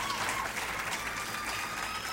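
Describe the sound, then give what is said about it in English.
Steady applause from a large audience at a live concert recorded at Anderson Fair, a venue in Houston, Texas, dense overlapping clapping with a bright, crowded texture and no break. “And well deserving of all that applause”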